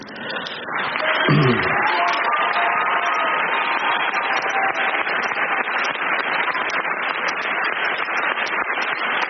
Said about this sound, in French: Cristian Mungiu sous les applaudissements Palme d'Or donc de cette 79e édition du Festival de Cannes